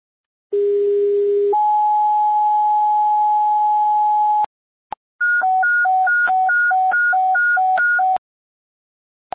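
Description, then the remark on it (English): Loud, clean fire dispatch paging tones: a short low tone steps up to a long sustained higher tone, then after a brief gap a rapid alternating high-low warble plays for several seconds, alerting a fire crew to a lift-assist call. “West Fire Sim Upper Tones.”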